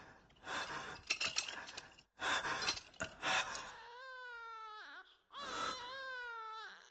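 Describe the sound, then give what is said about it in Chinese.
An infant cries loudly in repeated bursts from the direction of a prison, harsh, strained wails at first, then longer wavering, tonal cries with a brief break between them. No one talks. “是婴儿的啼哭声吗？还是我的幻觉？不，是监狱那边的声音。”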